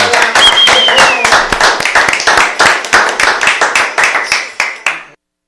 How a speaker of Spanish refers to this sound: ¡Yeah! ¡Aplauso!